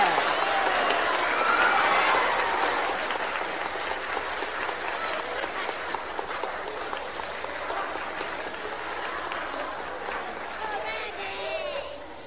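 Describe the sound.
A crowd claps steadily for about twelve seconds, a dense, crackling wash of applause that stays fairly loud throughout, with scattered voices and cheers rising out of it toward the end.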